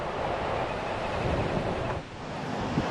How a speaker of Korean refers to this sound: 이제 골든서클의 활용 점점이라고 할 수 있는 굴포스 폭포에 왔습니다. 지금 아직 폭포에 다가가지 않았는데도 대지를 적시는 이 폭포의 굉음이 막 들려요. 멀리서도 폭포에 물보라가 보이는데요.